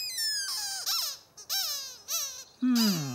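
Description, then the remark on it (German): Ernie's rubber duck squeaks about five times in quick succession, each squeak a bright, wavering pitch that bends up and down, with the last one lower and loudest. No voices. “Dann muss ich das wohl noch mal hören, Quietscheentchen.”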